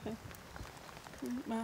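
rain falling

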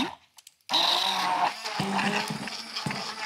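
blender mixing strawberries

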